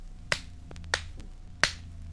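A pencil is struck three times, giving crisp, dry clicks with a bright, woody snap, unevenly spaced, plus a couple of much fainter taps between them over a low, steady hum.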